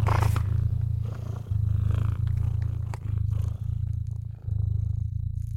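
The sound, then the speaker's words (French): A steady cat purr rumbles low and continuous, pulsing in long even cycles with brief pauses between breaths, with no voices or other sounds around it. “Vous ronronnez à présent, doucement, amplement.”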